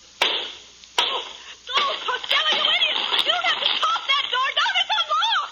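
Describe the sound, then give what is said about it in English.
An axe chops through the wooden door of a burning bedroom to get a trapped man out, in about five heavy, sharp blows at uneven intervals, with excited voices shouting and talking over the pounding throughout. “Quick, Costello. We got to get Ken out of that room. Give me the axe.”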